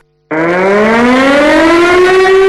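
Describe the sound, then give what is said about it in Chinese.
A loud military alert siren at a Northern Theater Command Air Force aviation brigade, sounding for an unannounced combat readiness drill, starts abruptly after a brief silence and wails steadily, its harmonic-rich tone slowly rising in pitch. No voices are heard. “昨天，北部战区空军航空兵某旅展开一场不打招呼的战备等级转进演练，警报响起后，数架战机立即转”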